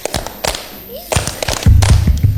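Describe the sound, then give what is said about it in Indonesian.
Rhythmic hand clapping performed with a song by a group of friends in a studio, sharp loud claps at a steady beat, joined partway through by low voices singing along with the claps. “Wah, luar biasa ya teman-teman, lagu dan tepukan yang dibawakan oleh teman-teman kita.”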